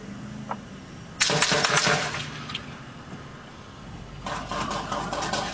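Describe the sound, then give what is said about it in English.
A sudden loud gunshot crack with a quick cluster of sharp metallic ricochet snaps near a truck, then another rattling burst of impacts a few seconds later, all over a low idling engine rumble, on a highway blocked off during a shooting. “Did you hear that ricochet? Like, this is getting close to my truck.”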